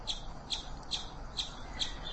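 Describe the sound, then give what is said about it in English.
A chipmunk's alarm call: sharp, high chips repeating at a steady rhythm, about two per second, moderately loud over a faint background hiss with no voices. “This is a call that chipmunks make frequently, and it is almost always, but not always, an alarm call to alert the other chipmunks that there's a hawk or like a dog or, you know, something else scary in the area.”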